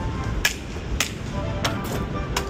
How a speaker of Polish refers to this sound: Stukam laską.